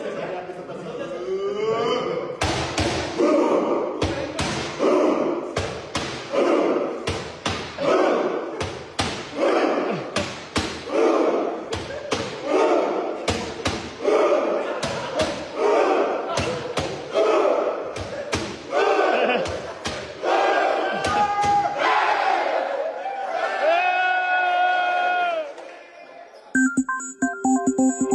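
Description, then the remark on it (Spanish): A Viking thunder clap celebration by the masked Mexican national team: a crowd claps in unison with loud, booming thuds at a steady beat that quickens, each clap met by a deep collective shout. A short electronic chime follows at the end. “Bueno, para quien está escuchando la radio, pues es la selección mexicana con caretas y pues haciendo este fantástico festejo de los vikingos que nos ha atrapado el corazón.”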